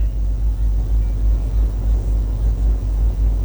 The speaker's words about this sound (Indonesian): terpantau arus lalu lintas dari arah Tugu Banjarbaru menuju dalam kota Banjarbaru maupun dari dalam kota Banjarbaru menuju arah Martapura. Terpantau situasi arus lalu lintas ramai, lancar, terkendali, didominasi kendaraan roda 4 maupun roda 2.